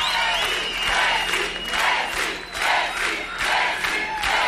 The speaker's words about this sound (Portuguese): E a gente segue, faltando 8 minutos para 1 da tarde, recebam no palco do Samba Nova, com muitos aplausos,